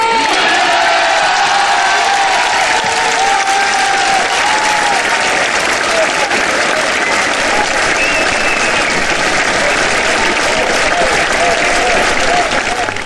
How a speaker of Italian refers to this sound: L'applauso dei fedeli, dei pellegrini, dei medici, dei malati, di quanti sono presenti a Lourdes in questa casa di accoglienza.